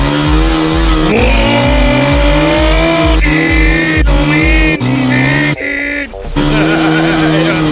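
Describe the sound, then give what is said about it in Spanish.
A loud motorcycle engine revs hard, its pitch climbing and dropping in repeated bursts, with a brief dip near the end before the roar returns. “¡Amoto! ¡Sube la moto!”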